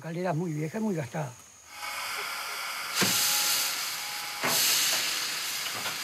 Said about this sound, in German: Das hier muss gut geölt sein, denn wenn der 12 Bar anzeigt, ich hab's mir markiert, dann muss der Dampf raus